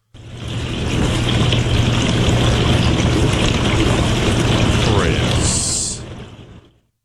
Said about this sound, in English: I know what a dishwasher sounds like, sir.